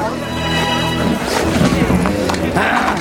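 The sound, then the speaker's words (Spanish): A soldier's horse lets out a loud, drawn-out whinny, then its hooves clop and scuffle restlessly on hard ground in quick, uneven beats as a man jumps from a cart and calms it. “Alejandro consigue calmar al caballo y repara en un pañuelo enrollado en una pata”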